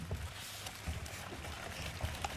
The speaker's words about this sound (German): Du willst nur einen Bach als jemanden aufnehmen. Du hörst ihn.